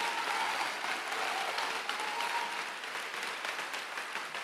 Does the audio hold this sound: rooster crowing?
no